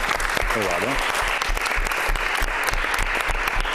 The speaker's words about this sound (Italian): È il dottor Giovanni Giuliari, assessore alla famiglia e alla pace del Comune di Vicenza, con delega alle politiche di coesione sociale. Lo accogliamo con un bel applauso.